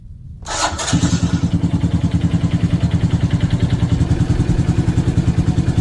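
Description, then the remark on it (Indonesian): A motorcycle engine is warmed up early in the morning; it starts with a brief rising whir, then settles into a steady, throbbing idle with a regular rapid pulse, fairly loud, running on its own without talk. “Pak, pagi-pagi begini panasin motor, mau kemana, Pak?”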